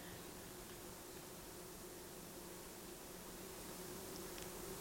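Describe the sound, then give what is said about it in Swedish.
A faint, steady buzzing drone of bumblebees hangs over a soft hiss of forest ambience on a slope, blending into one continuous hum with no single insect standing out. “Och så när vi kom ner så är det ju humlorna, det är ett surr.”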